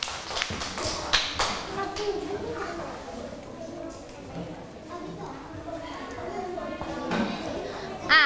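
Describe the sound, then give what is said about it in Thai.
Students clap for their classmates in a quick, uneven patter of sharp taps that fades and returns, with young voices chattering throughout underneath. “เก่งมากค่ะปรบมือให้เพื่อนๆด้วยค่ะ”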